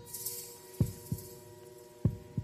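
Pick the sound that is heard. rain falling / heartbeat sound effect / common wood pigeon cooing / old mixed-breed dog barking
heartbeat sound effect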